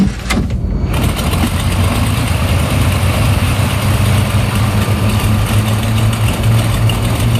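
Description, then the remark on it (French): A small airplane engine drones loudly and steadily during a flight, a low, buzzing hum with rough harmonics that holds evenly after a brief burst at the start. No voices can be heard. “Je vais vous proposer de prendre soit le parapente, soit le paramoteur, soit l'avion, ou soit la montgolfière.”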